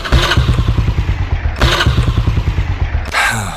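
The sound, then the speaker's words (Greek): An old motorcycle engine chugs loudly in a steady, uneven putter of rapid low pulses, with rattly mechanical clatter and two brief revving surges. “Μήπως το παλιό σου δίκυκλο έχει κάνει τον κύκλο του?”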